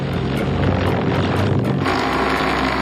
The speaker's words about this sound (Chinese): 整个我们标单的目前的难度就是，现场考察了以后啊，高差过大。但是我们现在正在克服困难，整个运输那块刻土那块也是采用的多架无人机。